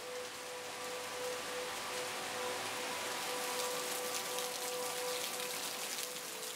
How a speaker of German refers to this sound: Der nächste Wolkenbruch füllt die Gläser mit Wasser. Und mit Schadstoffen vom Acker.